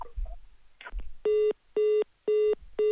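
After a few soft clicks and handling bumps, a phone line gives out a loud, steady series of four short electronic dialing beeps, evenly spaced and clear, with no voices.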